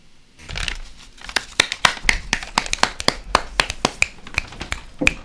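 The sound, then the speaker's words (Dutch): Several people snap their fingers in place of applause, a scattered, irregular patter of sharp clicks lasting a few seconds with no speech. “Ja, wij knipperen hier met onze vingeren als applaus, omdat het tamelijk raar klinkt, één man in een keer appelliseert.”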